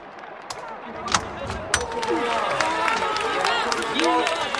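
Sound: crowd cheering and applauding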